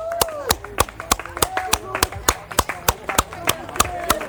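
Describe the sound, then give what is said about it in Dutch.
Spectators clap steadily in rhythm, about fourteen sharp, even claps at roughly three per second, with raised voices murmuring and calling out underneath, applauding a team arriving at speed. “Ja, geef maar een applaus, want daar komen ze, want er komt echt een tempo aan.”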